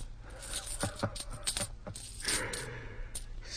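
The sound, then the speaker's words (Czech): Coins clink and jingle, a series of sharp metallic taps scattered irregularly over a few seconds, with a soft rustle and low hum underneath and no voices. “To je peněz.”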